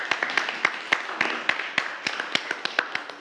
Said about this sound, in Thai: โอเคครับโอเคปรบมือให้เพื่อนด้วยครับนักเรียน